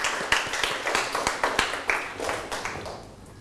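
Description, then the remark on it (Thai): A group of students claps for everyone in the class at the teacher's request, in a classroom, a quick, uneven patter of many hands at a steady level that thins out and fades over the final second. No one speaks. “ปรบมือให้ทุกคนเลยครับ”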